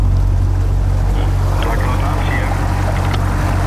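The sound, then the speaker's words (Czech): A water rescue service boat's engine drones steadily on a preventive patrol near Brno, with a low rumble and water rushing beneath it as the craft moves along, while faint voices talk in the background. “jsme právě na člunu na preventivní objížďce Brněnské”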